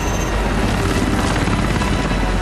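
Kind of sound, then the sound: vehicle, helicopter in flight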